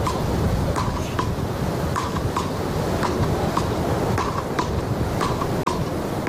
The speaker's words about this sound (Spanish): Algunos lo habrán reconocido, son las palas, uno de los deportes más practicados en las playas españolas durante décadas, pero a todo le toca el turno de actualizarse también a este juego.